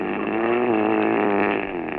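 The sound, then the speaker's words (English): A man's loud, roaring mouth-breathing intake rasps steadily for about two seconds, a rough, buzzing, engine-like drone with a rattling texture and no talk over it. “It's definitely a post-pharyngeal condition, and that roaring intake indicates he's a mouth breather.”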